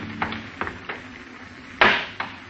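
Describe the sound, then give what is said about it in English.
A series of sharp knocks and cracks as a hammer strikes and breaks two glass jars of fruit at a sink, with one loud shattering blow near the end among several lighter hits, without voices. “You smash the jars with a hammer and start to pour the fruit down the drain.”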